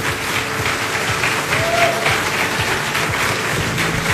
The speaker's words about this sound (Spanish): Que escuchen fuerte los aplausos para ella, por favor.